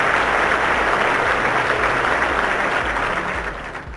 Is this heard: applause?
yes